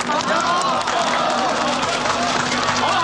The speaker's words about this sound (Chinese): 大家伙一起拭目以待，让我们用最热烈的掌声为系统加油！